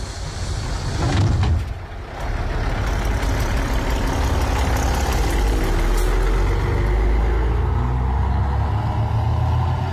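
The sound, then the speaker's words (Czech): A bus drives along with a steady, loud low engine rumble and road noise throughout, briefly swelling near the start before settling into a constant drone. “Tak pozor, 3, 2, 1, autobusem jsme jeli.”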